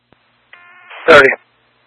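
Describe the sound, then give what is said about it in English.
A faint click, then a steady electronic telephone dialing tone that swells into a louder, harsher burst before cutting off abruptly, all within about a second. “So you respond to the phone signal, I'm over at Vehicle Gate Golf.”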